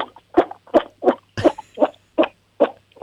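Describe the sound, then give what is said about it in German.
A 7-year-old child from Lower Austria imitates a toad with about eight short, croaky vocal bursts in a steady rhythm, each a brief raspy pulse separated by silence, with no talking in between. “Okay, das war die Kröte.”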